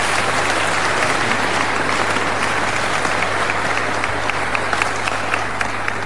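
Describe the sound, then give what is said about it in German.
Steady, sustained applause from an audience for Anton Rupp, mayor of Herzogenburg, a dense wash of many hands clapping at an even loudness throughout, with no voices rising above it. “Ihr Applaus, Herr Bürgermeister.”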